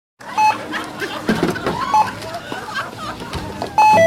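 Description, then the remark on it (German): A checkout age-check alarm for alcoholic drinks and cigarettes beeps several short, mid-pitched times over a busy, clattering store background with faint murmuring voices, the last beep sounding loudest. “Der Alarmton bei alkoholischen Getränken und Zigaretten, Jugendschutz.”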